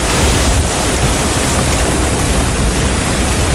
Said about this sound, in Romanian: Vremea extremă a făcut probleme și la Timișoara. Vijelia a dărâmat panouri publicitare, iar apa a inundat mai multe străzi.